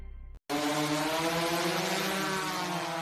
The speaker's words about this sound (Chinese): 爷爷，您抬头看。 无人机在栽树呢。